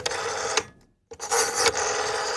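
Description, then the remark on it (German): An old rotary-dial telephone, a sound often heard in the 1980s, whirs and clicks as the dial spins back, twice, with a short silent pause between the two turns. The mechanical buzzing is fairly loud and steady, with no voices. “Das Telefon mit Wählscheiben.”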